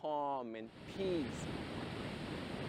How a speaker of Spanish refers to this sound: Disfrutas del ambiente, disfrutas de la naturaleza, del viento. Miras las olas que te brindan calma y paz.